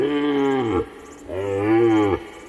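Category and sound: animal, cattle mooing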